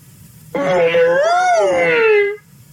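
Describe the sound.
A person's voice imitates the dawn trumpet of Uncle Elephant: one loud, sustained wailing call lasting nearly two seconds, its pitch rising then sliding back down, with nothing else around it.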